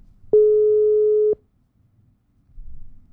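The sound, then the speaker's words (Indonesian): A single steady telephone tone sounds for about a second, loud and clear, as a call is dialed again, then cuts off, followed by quiet line noise and a faint low rumble. “Oke teman Pro, kita coba untuk telepon lagi nih ya.”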